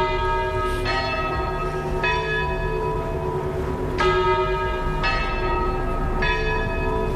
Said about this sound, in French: Accueille avec le son des cloches. Elle accueille une cloche avec le son des cloches.